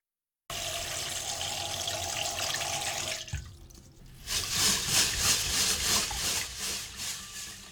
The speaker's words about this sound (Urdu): ایک برتن میں پانی بھر کر اس کے اندر ایک چھلنی رکھیے.